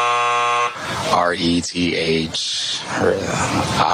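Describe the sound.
A harsh, steady quiz buzzer blares for about half a second, rich in layered tones, then cuts off as a voice starts talking over the rest.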